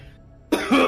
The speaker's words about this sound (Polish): Kurwa. Wujek, kaszlesz. Kurwa. Cygaro, kurwa, mi się zachciało.